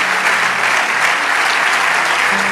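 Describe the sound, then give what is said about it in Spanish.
Sustained audience applause, a dense steady wash of many hands clapping at a loud, even level throughout with no voices standing out. “Vamos, dale ese aplauso de todo corazón.”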